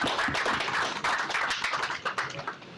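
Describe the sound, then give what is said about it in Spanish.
Hands clapping in a steady, dense patter of applause for an engineer invited to speak, continuing throughout, fairly loud with sharp, crisp strikes blending together. “Colega, déjame aplaudirle.”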